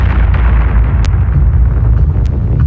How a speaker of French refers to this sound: 10 jours après le 11 septembre 2001, l'explosion d'AZF tue 31 personnes et provoque un électrochoc.